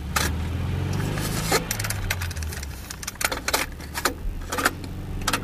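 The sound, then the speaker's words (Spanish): Car keys jingle and rattle in quick, irregular bursts as a car trip begins, while a low engine rumble starts up and hums steadily underneath; no one speaks. “y todo comienza con un viaje en coche.”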